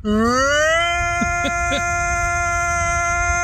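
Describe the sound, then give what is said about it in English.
A voice imitates a tornado siren, a buzzy wail that rises in pitch over the first second and then holds one long, steady, loud tone with a few brief warbles partway through. “A little tornado siren.”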